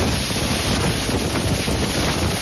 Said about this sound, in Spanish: Tormentas, por cierto, que hicieron ayer de las suyas. El sonido del fuerte viento y la lluvia en Monzón por la tarde era este.